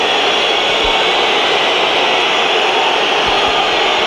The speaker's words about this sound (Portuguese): Entra em campo Rafael Leão e é um gol de assobios para um jogador que saiu a mal com o Sporting em 2018, com 19 anos, e é agora altamente assobiado